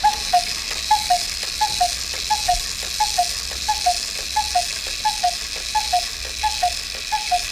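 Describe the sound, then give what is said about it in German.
A cuckoo clock calls over and over, each call a falling two-note cuckoo, repeated in a steady run of about eleven calls, with faint mechanical ticking underneath. No one speaks. “So klingt die Kuckucksuhr.”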